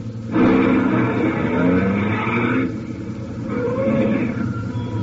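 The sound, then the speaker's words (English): A truck engine rumbles, rising in pitch as it approaches around a curve in the road, easing off briefly midway, then droning on steadily without a clear stop. “In fact, we take the one now coming around the curve.”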